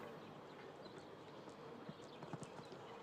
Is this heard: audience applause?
no